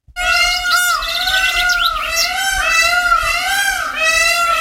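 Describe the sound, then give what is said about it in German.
Loud, wailing peacock calls ring out in a nearly continuous stretch, with rich harmonic tones that bend and dip in pitch over several seconds, with no one talking. “Welcher Vogel stellt sich jetzt vor? Pfau? Ja, das hört man sofort, oder?”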